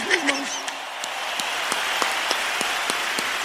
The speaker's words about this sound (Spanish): A ver que se ve un aplauso chido para la banda